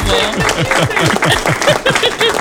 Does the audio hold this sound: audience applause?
yes